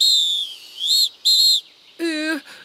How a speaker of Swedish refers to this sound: Straff för snubbel på snabel. Giraffelini blåser till straffspark.